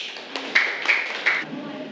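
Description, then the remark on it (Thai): A class of students claps briefly for classmate representatives coming to the front of the classroom to retell a story: a few sharp, moderately loud hand claps ring out at uneven intervals over a low background murmur of voices. “ขอตัวแทนนักเรียนต้นทางค่ะเชิญค่ะปรบมือให้กับเพื่อนตัวแทนด้วยค่ะ”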